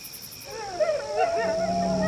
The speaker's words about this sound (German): Oh, Wölfe! Oh nein, was sollen wir tun? Die kommen immer näher.